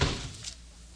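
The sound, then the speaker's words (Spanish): A door slams shut with a single heavy thud at the start, its low boom quickly fading into a short, hollow echo. “¡Que cierres la puerta, idiota!”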